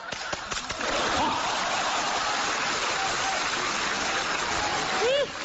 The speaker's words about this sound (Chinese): 好，哎，这大姐姐还鼓掌呢，你还。你听懂了没有啊？